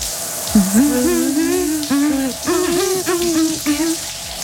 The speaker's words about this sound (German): Deswegen, Leute, wir hören noch mal weiter unter die Dusche rein.